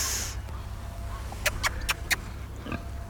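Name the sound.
pigs grunting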